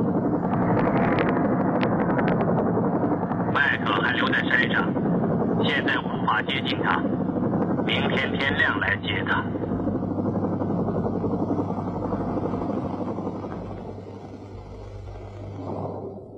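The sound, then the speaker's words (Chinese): A loud, steady rescue helicopter rotor drone hovers as the helicopter lowers a cable to a woman on a rock. The dense whirring rumble holds for most of the stretch, with brief sharper bursts in the middle, then eases slightly toward the end. “直升机放下缆绳，凯西从岩石上跳起来，抓住了缆绳。”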